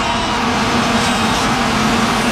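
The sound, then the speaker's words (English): Many vuvuzela horns blare at once at a match in a loud, unbroken droning buzz, one steady low pitch held throughout with a dense wash of noise above it, like a swarm of bees. “Sound like bees or wasps, but those are all those little horns.”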